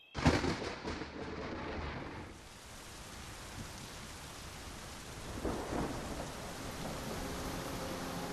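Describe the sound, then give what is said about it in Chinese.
A loud crack of thunder opens, rumbling away over about two seconds, while heavy rain pours steadily throughout; a second, softer roll of thunder swells midway. No voices. “暴雨过后，河水猛涨，到处汪洋一片。”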